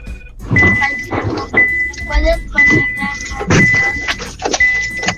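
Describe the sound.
A radio caller's car door: a series of loud, rattling bursts roughly once a second, with a steady high chime tone running alongside and muffled rustling and voices underneath.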